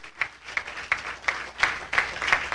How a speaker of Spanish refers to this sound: Dele un aplauso al señor, ¿qué le parece? Pariente del jefe, mijo.